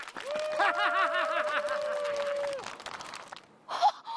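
Lively hand clapping for the winner of a game of rock-paper-scissors rattles steadily for about two and a half seconds, mixed with a bright sustained tone and warbling, laugh-like sounds, then fades to near quiet.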